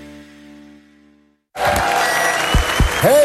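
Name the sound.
crowd cheering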